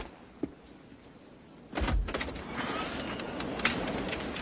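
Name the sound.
office door being opened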